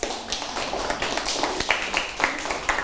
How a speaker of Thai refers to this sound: นักเรียนเก่งมากเลยปรบมือให้เพื่อนหน่อยค่ะ